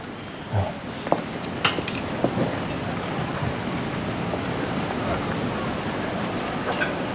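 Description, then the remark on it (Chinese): Busy hot pot restaurant ambience with a steady hum of background chatter and occasional sharp clinks of dishes and cutlery, a few distinct knocks early on over the continuous murmur. “真没想到会有人约我在火锅店吃饭相亲。”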